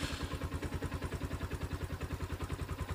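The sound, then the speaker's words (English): A motorbike engine runs steadily as a 56-year-old farmer rides it to his lemon farm near Epau Village on Efate, east of Port Vila; its rapid, even low putter pulses throughout with a rough, rattling edge and no voices. “a 56-year-old farmer from Epau Village on Efate, rides his motorbike to his farm every day, checking on his station lemon trees.”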